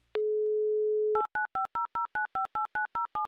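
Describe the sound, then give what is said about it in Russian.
A steady dial tone holds for about a second, then a quick run of eleven crisp touch-tone beeps punches out a phone number in Bratsk in an even rhythm, clear with no voices. “Номер телефона набран. Ждем соединения.”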